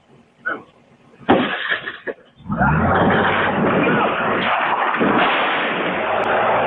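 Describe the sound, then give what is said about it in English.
A few sharp bangs and thuds as an agent breaks an SUV window and opens fire down a residential street, then the SUV engine roars loudly and steadily, revving hard with a deep low rumble as the driver hits an unmarked ICE vehicle and a parked car. “The agent who breaks that window opens fire down a residential street as the driver hits the ICE vehicle and a parked car.”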